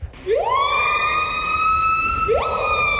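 A siren-like bird call: a loud whistled tone sweeps upward and holds steady for about two seconds, then rises again, with no talking over a faint low rumble.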